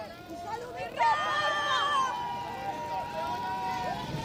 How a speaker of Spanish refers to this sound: Ya escucháis los gritos de la gente que se ha acercado aquí a Zarzuela, campeones, España, y bueno, también carteles de Haro, la localidad riojana de La Fuente, ya escucháis. Se desata la locura cada vez que se acerca el autobús.